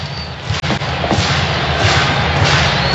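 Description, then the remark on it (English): Distant fireworks beyond the left field wall at Coors Field in Denver thud and boom several times at irregular intervals during the seventh inning of a baseball game, celebrating the nation's 250th birthday, muffled and faint beneath a steady wash of stadium crowd noise. “Some fireworks going off in the distance beyond the left field wall.”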